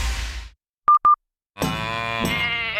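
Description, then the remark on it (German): After a brief burst of noise and two short electronic beeps, a sheep lets out one loud, drawn-out, wavering bleat lasting over a second. “Schweinderl, was hast du mit der Kur, dem Schaf und dem Händel vor?”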